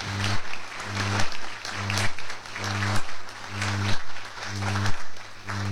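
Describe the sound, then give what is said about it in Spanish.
A crowd applauds the Embajada Artística of the Ministry of National Defense and the Instituto de Arte Coosofán, a dense wash of clapping that holds at an even level throughout, with a low repeating hum or musical tone pulsing underneath roughly every second. “Fuertes los aplausos para ellos, por favor.”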